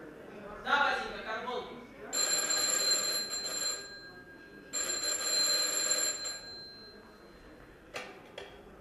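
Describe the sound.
An old crank telephone, its handle being turned in the next room, rings in two long, rattling bursts separated by a short pause, fairly loud, with a brief murmur of a woman's voice just before the first ring.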